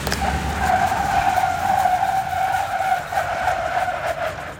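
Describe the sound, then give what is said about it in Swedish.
Tires screech steadily as a car brakes on a slippery skid track in Falun, Dalarna, where upper secondary school students test braking on slippery roads at different speeds; a sustained high squeal with a second harmonic tone above it, over a low engine rumble, lasting the whole stretch without speech. “På halkbanan här testar 180 gymnasieelever på att bromsa i halt väglag i olika hastigheter och däcken skriker.”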